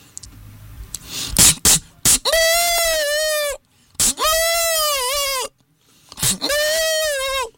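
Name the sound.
goat bleating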